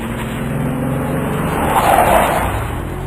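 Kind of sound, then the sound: vehicle, truck brakes screeching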